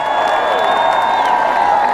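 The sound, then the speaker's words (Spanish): A large crowd at the Petronio festival cheers and applauds Ensamble Chirimía in a loud, continuous roar, with sustained whistle-like tones rising above the dense clapping throughout. “Fuerte el aplauso para Ensamble Chirimía.”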